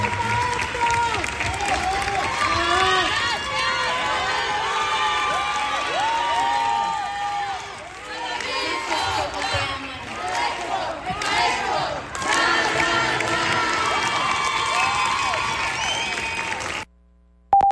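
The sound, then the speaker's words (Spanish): A full audience at the Teatro de la Ciudad in Irapuato, Mexico, applauds steadily with cheers and shouts rising through it, a dense, loud wash of clapping that swells and dips briefly before carrying on, then cuts off abruptly. “Así, el Teatro de la Ciudad lleno. Irapuato, su teatro también le reconocía con aplausos, aplausos que hoy está recibiendo seguramente en su camino al cielo.”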